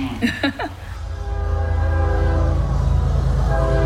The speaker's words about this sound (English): The 1119 train runs through town till about 1122. The train, locals love to say, is the reason this town is called Central. It's halfway between Charlotte and Atlanta on the old train lines.